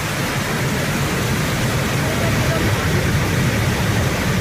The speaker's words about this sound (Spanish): Estamos escuchando la Cascada del Molino, ¿o qué? Porque tiene, tengo entendido, unos cuantos nombres. A ver, tenemos diversas cascadas. Si es la del Molino, seguramente sea la cascada que tenemos en Peralejos de las Truchas